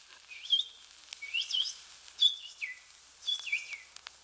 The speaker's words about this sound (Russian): А птички-то, птички играют свое.